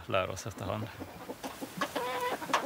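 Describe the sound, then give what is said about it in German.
Several hens kept by a self-sufficient family with sheep cluck in a steady series of short, harmonic calls, with a few higher squawky notes mixed in over a faint background hum. “Als wir uns Schafe und Hühner zugelegt haben, hatten wir überhaupt keine Ahnung davon.”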